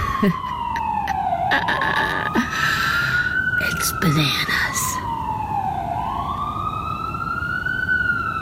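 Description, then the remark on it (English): Ambulance sirens wail outside a window on a sunny morning, slow rising and falling tones with traffic rumble below, while a person briefly speaks over them. “Every one of those sirens, I just think, is, you know, some poor person who can't breathe.”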